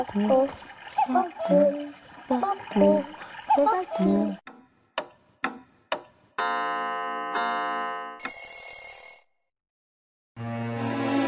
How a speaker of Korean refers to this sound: 이 시계는 집 모양 시계야. 근데 시계. 정확한 명칭은 뻐꾸기 시계야. 이 집에는 누가 사는지 소리 한번 들어볼래? 네. 좋아. 자, 어떤 소리가 날까?